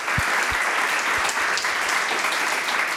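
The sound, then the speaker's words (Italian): A steady wash of clapping from a crowd, dense and fairly loud, holding at an even level for about three seconds with no voices over it. “È giusto, un applauso, assolutamente.”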